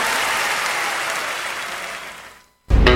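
A large audience claps loudly and steadily, a dense wash of applause that gradually fades, cuts to brief silence, then bursts back in abruptly at full volume.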